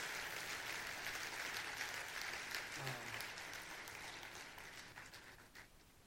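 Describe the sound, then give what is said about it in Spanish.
An audience claps steadily together in applause for Jesus, a dense wash of applause holding strong before gradually thinning out toward the end. “Si tú lo crees, celébralo, dale un aplauso a Jesús.”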